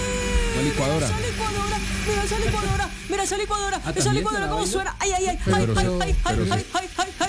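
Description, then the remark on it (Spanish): A kitchen blender whirs at a steady, loud pitch for the whole stretch, its motor drone continuous while people talk over it. “Esa licuadora, cómo suena. Esa es la licuadora de la cocina, señora.”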